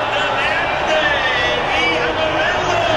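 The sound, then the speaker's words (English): A stadium crowd cheers as the Brazil team comes out, a loud, steady roar of massed voices, with a few higher shouts rising out of the din and no break for the full three seconds. “A fair bit of cheering then for...”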